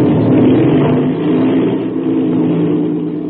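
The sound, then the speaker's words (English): A piston airplane engine starts with an inertia starter, which is wound up, the switch turned on and the starter released. It roars loud, a deep, throbbing drone that holds steady for a few seconds with no voices over it. “That's the way an airplane motor starts, fast as a flash.”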